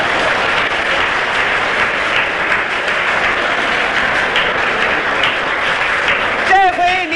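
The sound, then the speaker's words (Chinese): A large crowd at a table tennis match stands and cheers loudly and continuously for Zhuang Zedong after his smashes. A dense roar of clapping and voices holds steady throughout, with a single voice briefly rising above it near the end. “各位听众，各位听众，庄则栋的高超球艺、充沛的体力、顽强的战斗意志和他惊人的速度，再一次博得了全场观众的起立欢呼。”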